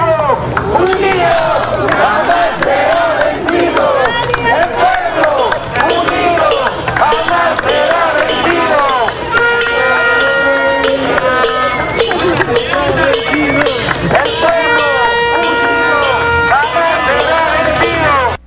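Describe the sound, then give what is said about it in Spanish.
A loud street protest of neighbourhood residents with placards demanding more security and police presence, shouting and chanting continuously, with shrill whistles and the clanging of beaten pots ringing out steadily over the din of many voices. “Bueno, ahí salieron con pancartas, con pitos, con ollas para pedir, en este caso, pues, mayor seguridad, ¿no?”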